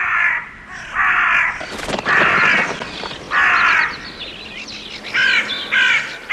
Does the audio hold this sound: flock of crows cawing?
yes